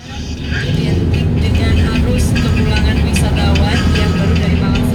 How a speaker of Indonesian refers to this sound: Nah, ini saya tampilkan di Visual Radio kawan, kondisi lalu lintas di sekitaran Telogomas yang arah turun, yang dari UMM arah turun ke traffic light Jembatan Tunggul Mas. Antrinya cukup panjang ya, dan selain antri panjang,